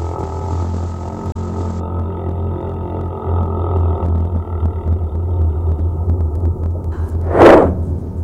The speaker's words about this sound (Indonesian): Mereka bisa mengeluarkan suara yang begitu kuat di bawah laut. Tapi suaranya itu bukan seperti kita ya. Suara paus itu panjang, dalam, dan menggema.